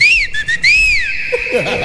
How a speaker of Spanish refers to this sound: Taxi. Llame con el silbo de guerra. ¿Cómo? ¿A ti te sale?